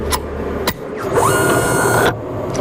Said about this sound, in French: Le projectile est entré dans la machine et la petite porte s'est refermée derrière. Là. Donc, on ne voit plus le projectile et là, l'analyse va commencer, c'est ça?